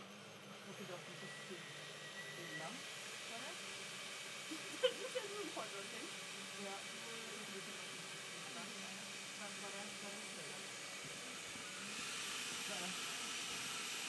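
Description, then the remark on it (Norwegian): A blender whirs steadily as it blends a green smoothie, a continuous loud motor roar with hiss that swells slightly near the end, while faint voices murmur underneath. “Her blender vi smoothie for harde livet, altså.”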